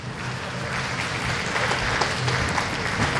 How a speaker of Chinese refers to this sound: 嗯，旁边的掌声是送给莫菲和桑卡姆这场比赛的。